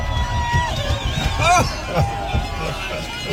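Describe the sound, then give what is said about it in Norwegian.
An excited crowd cheers and shouts around a car at Alpe d'Huez, rocking the car, with overlapping voices, whoops and high rising yells over a constant loud babble and thumping low rumble. “Og her det da altså bilen som gynger av folk som blir så gira av å se dere.”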